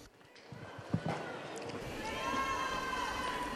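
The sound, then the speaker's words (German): Dense, crackling applause from a large crowd, swelling louder after a couple of seconds and mixed with sustained cheering voices, greeting Pope Leo as he steps up to the microphone on the feast of the Assumption. “Und da ist er schon, Papst Leo tritt in diesem Moment ans Mikrofon und wird mit Applaus begrüßt.”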